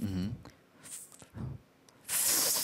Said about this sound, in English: I'm just slurping. But the principle itself is right. Yeah, the way you do it is slurping.